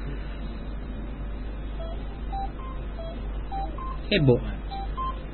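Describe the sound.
A quick series of short beeping telephone keypad tones, about eight presses in an uneven rhythm, sound over a steady low hum as a phone call is dialed, with a brief voice cutting in near the end.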